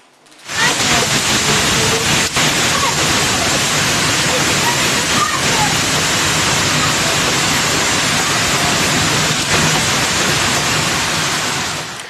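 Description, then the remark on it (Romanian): Heavy hail from a violent storm, with egg-sized pieces of ice, pounds the streets and sidewalks of Câmpulung Muscel in Argeș County in a dense, steady, loud roar, with scattered sharper impacts cutting through the constant clatter for the whole stretch. “O furtună violentă cu grindină a lovit orașul Câmpul Lung Mușel din județul Argeș.”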